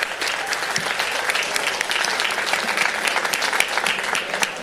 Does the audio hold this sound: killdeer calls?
no